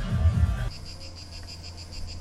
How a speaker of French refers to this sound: Vous entendez le calme des cigales de Néoul.